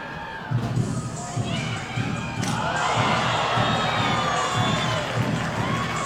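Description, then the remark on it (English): A ballpark crowd cheers and shouts in a sustained, fairly loud roar, with a dense wash of many voices and a few sharper yells rising above it, as fans catch a foul ball in the stands during a baseball game. “Well, despite the Bisons trailing by eight, fans are still cheering each other on when catching foul balls in the stands.”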